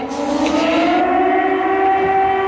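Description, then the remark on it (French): Air raid sirens wail steadily over a city about 30 km from the front line, a loud sustained tone with echoing harmonics, carrying on without pause and without any voices. “Alors que les sirènes résonnent sur la ville, la cour de l'école, le terrain de basket, tout est vide.”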